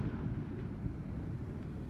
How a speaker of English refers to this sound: Are you still hearing this? I sure am. The explosions there at the Liddell Power Station chimney stack site just outside of Muswellbrook. Very convenient of those who were doing the controlled explosion.